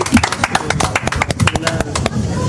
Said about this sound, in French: Sur Sud Radio, je vous applaudis très fort. Vous pouvez vous applaudir.